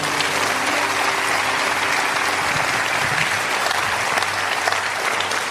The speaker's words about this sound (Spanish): Denle un aplauso a Dios.